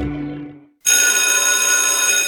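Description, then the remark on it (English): A loud electric school bell at Anderson College suddenly starts ringing and keeps up a continuous, metallic clanging rattle, preceded by a brief softer tonal sound that fades out just before it kicks in. “Anderson College's school bell is ringing just for you.”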